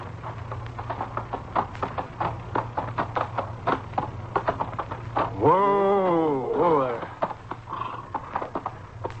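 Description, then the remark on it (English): A horse's hooves clip-clop steadily as it arrives home at a camp, a quick run of sharp knocks over a low droning hum, broken midway by a brief wavering tonal cry. “You're home, horse. Come on, boy. Let's go in and shine it.”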